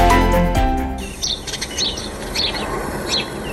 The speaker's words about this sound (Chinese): 走进本溪桓仁县的枫林谷森林公园，鸟鸣山谷，满目苍翠，峡谷漂流、森林浴场、登山步道，吸引着大批省内外游客前来避暑游玩。